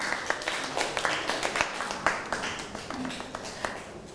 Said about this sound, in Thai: เอาปรบมือให้ตัวเองหน่อยครับ